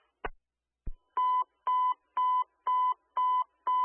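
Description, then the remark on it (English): Two sharp clicks, then a steady run of six loud, evenly spaced electronic alert tones, each a short bright beep with harmonics: fire station dispatch tones for Station 14 going off over a radio. “Station 14, disregard your tones.”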